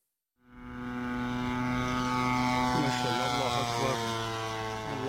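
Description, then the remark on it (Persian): A drone's propeller engine buzzes steadily in flight, one of at least eight drones the Taliban fired at targets in Pakistan. A loud, tonal drone starts after a brief silence and holds constant with a slight wavering in pitch. “پاسخ طالبان به حملات هوایی پاکستان شلیک دست کم 8 پهپاد.”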